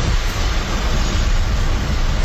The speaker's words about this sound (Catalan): Ambient de vent, a prop del mar.